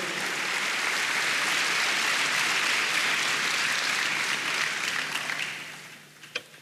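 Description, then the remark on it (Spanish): A church audience claps steadily together as applause to the Lord, a dense, sustained wash of applause that tapers off near the end, followed by one last isolated clap. “Dale un aplauso al Señor, hermanos.”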